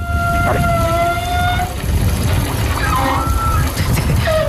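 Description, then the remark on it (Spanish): Hot water running through the wide pipes of gym showers makes the pipes vibrate, giving a loud, steady whining tone with overtones that shifts pitch partway through, over a constant rushing, rumbling noise of flowing water. “Entonces cuando empieza a pasar el agua caliente, supongo que vibrará o hará algo del estilo y hace un sonido parecido.”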